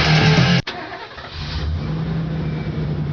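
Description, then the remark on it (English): A new truck's engine cranks and fires up after a brief loud burst, then rumbles steadily with a slight rev, fairly loud, with no voices. “You got that new truck, but there are some things missing, like a trailer hitch, bed liner, and rails.”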